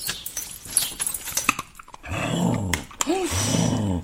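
A large female Labrador and shepherd mix dog growls in low, rumbling bursts, rising and falling over a couple of seconds after some quieter background noise.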